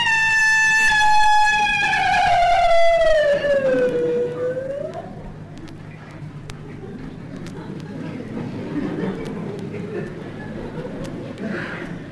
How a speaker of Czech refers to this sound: To byl vlk, co? Ve městě vlk.